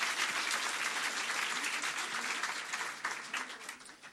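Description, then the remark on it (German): Sustained applause from an audience at a poetry slam for a performer after his scores are announced, dense and steady clapping throughout, beginning to thin out and fade toward the end. “Und nochmal ein Applaus für den Slammer, nicht für die Wertung.”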